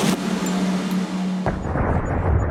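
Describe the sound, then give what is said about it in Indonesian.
A loud thunderclap from a lightning strike opens with a sharp crack, then a heavy rolling rumble and a second crack midway, trailing into a dense, crackling roar. No voices. “Petir adalah fenomena alam berupa kilatan cahaya yang disebabkan oleh pelepasan muatan listrik di atmosfer.”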